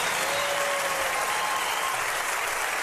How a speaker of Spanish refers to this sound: Un aplauso.